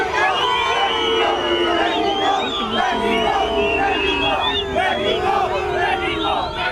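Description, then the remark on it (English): Mexico football supporters boo and jeer loudly as the England team arrives at its hotel in Mexico City ahead of a World Cup game, a dense, sustained roar of voices with rising shouts and whistles layered throughout, continuous from start to finish. “England have been booed by Mexico supporters as they arrived at their team hotel in Mexico City ahead of their World Cup game in the early hours of Monday.”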